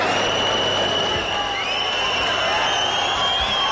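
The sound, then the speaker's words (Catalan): A square packed full for a festival, with crowd noise and many shrill whistles aimed at the authorities' balcony overlapping in a steady, high-pitched wail over a loud, continuous roar of voices. “Per cert, que fa una estona s'han sentit xiulets com aquests.”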